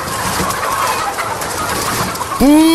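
Hens in a chicken coop cluck and chatter in a busy, steady mass of short calls, then one hen lets out a loud, drawn-out, tonal squawk at the very end. No one speaks.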